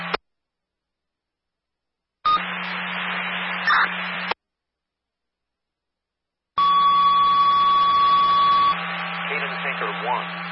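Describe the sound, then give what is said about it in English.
A fire dispatch still-alarm tone for a car fire at Canaan USA Speedway, Canaan Motor Club, 18 Orange Road in Canaan, comes over a scanner radio as a steady electronic beep amid static-filled transmission bursts separated by silence, with faint muffled radio chatter underneath. “Still alarm. 18 Orange Road in Canaan.”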